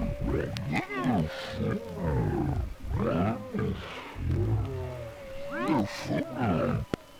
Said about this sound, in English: So, this is where he was last seen. And heard. Don't forget those roars in the night.